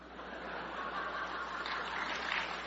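An audience applauds in a dense, steady wash of clapping that holds at an even, fairly loud level for a few seconds, swelling slightly toward the end, with no voices on top.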